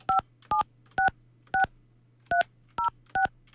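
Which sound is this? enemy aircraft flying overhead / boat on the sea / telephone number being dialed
telephone number being dialed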